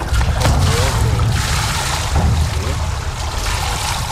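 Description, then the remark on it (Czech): Steady splashing and sloshing of water as a mannequin is lowered into a 50-metre swimming pool in Nový Jičín, Czech Republic, to test the Angel Eye underwater camera system; continuous, with a dense wash of noise and faint voices in the background. “Teď spouští do vody figurínu.”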